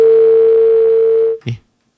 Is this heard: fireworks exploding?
no